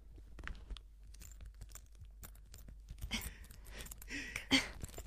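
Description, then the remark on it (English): Fiddly rustling and small crinkling clicks come in irregular bursts, growing busier toward the end, a person imitating struggling to fasten a watch or bracelet, performed as a sound effect with no talking. “You struggle to fasten your watch or bracelet.”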